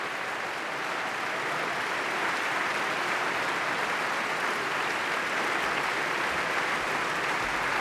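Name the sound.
concert audience applause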